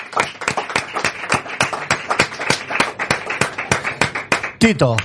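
Lively applause from a small group, with sharp, fairly steady claps running the whole time, and a brief rising vocal whoop near the end.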